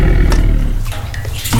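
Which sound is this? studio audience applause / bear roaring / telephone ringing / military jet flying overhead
bear roaring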